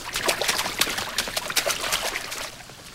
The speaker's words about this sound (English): Ankle-high water fills the corridor. In the girls' bathroom, sinks overflow from running faucets.